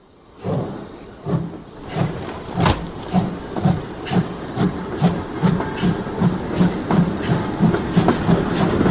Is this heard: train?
yes